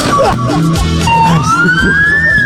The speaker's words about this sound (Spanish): Esas sirenas que escuchan es porque ahora vamos adelante del bus para también hacer el pago correspondiente del peaje